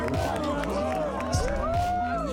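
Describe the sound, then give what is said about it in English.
A large crowd cheers continuously at a surf contest men's final between Yago Dora and Italo Ferreira, with overlapping shouts and rising whoops forming a dense, steady roar that holds loud throughout the short stretch. “Listen to this crowd.”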